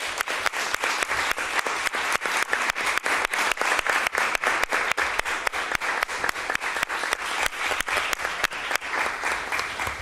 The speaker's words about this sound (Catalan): Un aplaudiment per vosaltres també.